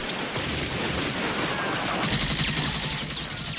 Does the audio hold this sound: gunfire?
yes